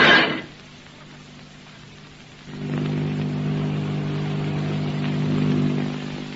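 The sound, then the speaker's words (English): After a short hiss of noise, the motors of a great silver airplane approaching to land start up as a low, steady droning hum with a throbbing mid-pitched tone that swells slightly louder toward the end. No voices. “What's that? It's a plane. Motors.”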